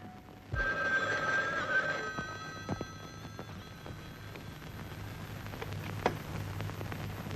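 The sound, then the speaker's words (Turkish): A telephone bell rings once in a bright, metallic burst lasting about a second and a half, then gives way to a low hum with a few scattered clicks and knocks. “Şimdi eve telefon edeceksin.”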